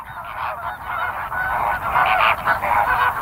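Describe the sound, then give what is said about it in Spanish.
A noisy flock of flamingos honks continuously, overlapping goose-like calls forming a loud, dense chorus, with no speech. “Esta correlación entre color y comida es más evidente en uno de los coloristas más icónicos del mundo salvaje, el flamenco.”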